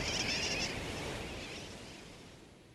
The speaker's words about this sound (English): Some say sooty terns derive their nickname wide awake from the kerwackywack or wackywack of their calls.